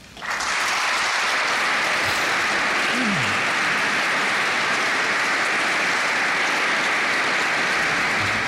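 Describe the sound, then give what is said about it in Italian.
A large audience breaks into sustained applause after the Pope's speech to the plenary assembly of ROACO, a dense, steady wash of clapping that starts abruptly and stays loud and even throughout, with no voices standing out. “E questo era l'applauso che ha salutato le parole del Santo Padre al termine del suo discorso ai partecipanti all'assemblea plenaria della riunione delle opere per l'aiuto delle chiese orientali, appunto la ROACO.”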